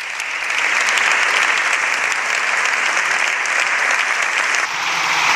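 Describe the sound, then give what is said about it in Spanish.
Sustained applause from a political party's benches in parliament after a speech by Núñez Feijóo, a dense even wash of clapping that holds steady for several seconds with a brief dip near the end, no voices standing out. “Aplausos de las bancadas del partido podrido.”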